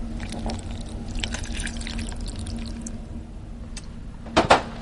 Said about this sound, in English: What we're doing now is just putting the chocolate into the small saucepan, and to that I'm going to add half a cup of water. Okay, and I just pour it on top? Just pour it right on.